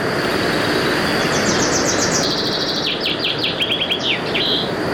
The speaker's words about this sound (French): Il y a un oiseau.